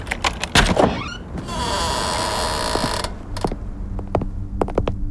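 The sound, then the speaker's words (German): A door opens with a few sharp mechanical clicks, then a steady rumbling slide for about two seconds, followed by more clacks and knocks as it settles. Fairly loud, no voices. “Mach einfach die Tür auf.”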